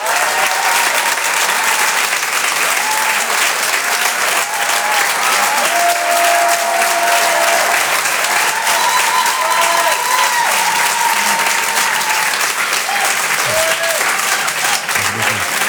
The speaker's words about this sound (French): Je vous demande de l'applaudir très très fort s'il vous plaît lui aussi. Voici en direct sur Rire et Chanson, Jean-Luc Lemoine.